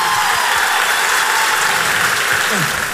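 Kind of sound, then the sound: crowd, audience applause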